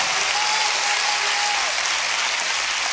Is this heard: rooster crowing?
no